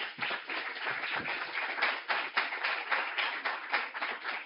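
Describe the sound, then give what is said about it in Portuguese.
A crowd applauds steadily to welcome a criminal forensic expert to the front to speak, many hands clapping in a dense, continuous patter of sharp claps that stays fairly even in loudness throughout, with no voices over it. “Uma salva de palmas.”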